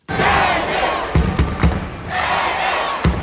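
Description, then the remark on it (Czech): A large crowd roars and cheers continuously in a packed judo hall at the judo world championships in Baku, Azerbaijan, the noise swelling in waves, with several sharp thuds punching through the din. “Ono to je vidět i na té hale, že opravdu je narvaný publikum a ta atmosféra je opravdu krásná, jako když nastupuje domácí závodník.”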